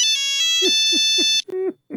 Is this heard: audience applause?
no